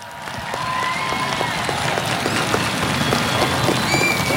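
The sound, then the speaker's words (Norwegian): An audience applauds steadily, a dense wash of many hands clapping that swells in the first half second and then holds at an even, fairly loud level throughout, in response to a speech noting that the Alpine World Ski Championships will come to Narvik in 2029. “Det synes jeg fortjener en skikkelig applaus.”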